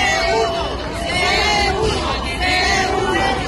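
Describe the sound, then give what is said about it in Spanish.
A protest crowd of administrative assistants of the Servicio Canario de Salud chants together outside the Hospital Universitario Dr. Negrín in Gran Canaria in the morning, demanding professional reclassification, many voices shouting in loose rhythmic unison with a steady roar of overlapping voices underneath, loud and sustained throughout. “Y nos vamos hasta Gran Canaria, porque allí esta mañana, frente al Hospital Universitario Dr. Negrín, se producía esta protesta.”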